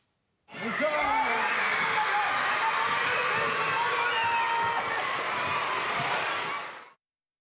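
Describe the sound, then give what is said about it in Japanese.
About 680 elementary school children erupt in excited cheering and shouting in their school gymnasium in Saijo, Ehime, as World Cup player Nagatomo appears on a surprise visit, a dense, loud, echoing roar of many voices that holds steady for several seconds before cutting off. “長友選手が姿を現すと一斉に歓声が上がりました。”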